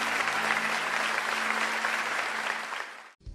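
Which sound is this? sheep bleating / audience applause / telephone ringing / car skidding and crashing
audience applause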